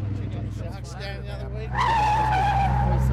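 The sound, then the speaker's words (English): Car tyres skid as a car takes a corner too fast in a New South Wales government road safety ad, a loud, sustained high squeal that starts partway through and holds steady over a low engine rumble, with a faint voice briefly heard beforehand. “Slow it down around the corners, mate.”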